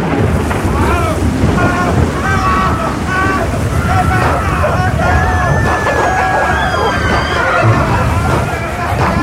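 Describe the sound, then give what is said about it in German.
A ship caught in a violent storm at sea: loud, constant roaring wind and crashing waves fill the scene, with agitated voices shouting and clamoring underneath throughout. “Doch das Schiff geriet in einen gewaltigen Sturm und dann passierte Folgendes.”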